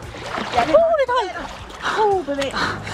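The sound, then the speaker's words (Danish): A few bursts of splashing water as a person jumps into the sea for a winter bathe, with brief voices calling out over the washing water. “Ja, sådan vil det altså også lyde, hvis jeg hoppede en tur i vandet nu her.”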